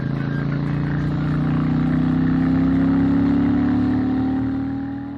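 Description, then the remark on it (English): A motorcycle exhaust drones steadily through dual peashooter pipes at a low, throaty pitch, swelling slightly in the middle as the engine holds a cruising rumble, with no talking. “From the rider's seat, the exhaust note through those dual P-shooter pipes is pleasant, but certainly not overwhelming.”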